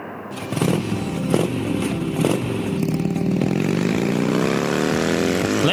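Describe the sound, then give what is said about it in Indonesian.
A motorcycle ridden by a fifth-grade elementary schoolchild roars, loud and steady, its pitch climbing as it accelerates away. A rattling clatter sits under the throaty drone, and no one speaks. “Le, kui mau sih numpak motor duluan toh, anakmu toh?”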